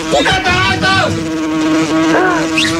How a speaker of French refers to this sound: Les mouches arrivent, c'est Gérard qui arrive alors.